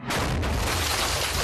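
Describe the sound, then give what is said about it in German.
A sudden loud explosive blast from a shot that is not an RPG, followed by a sustained roaring rumble and debris-like noise that fills the whole short moment without any voices. “Das war aber ein echt guter Schuss. Das ist bestimmt kein RPG.”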